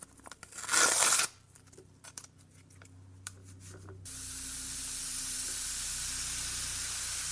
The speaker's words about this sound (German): Für das zweite Geräusch benötigt ihr ein Päckchen Backpulver und etwas heißes Wasser. Das Backpulver nun in eine Schüssel geben und ein bisschen Wasser darüber gießen.